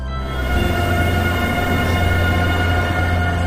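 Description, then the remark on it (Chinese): A bullet train runs steadily along the China–Laos Railway, which runs from Kunming to Vientiane, its loud, continuous rumble and rushing hum filling the scene with a deep low drone and faint whining tones, with no voices. “我们脚下的中老铁路是第一条采用中国标准并与中国铁路网直接连通的跨国铁路。”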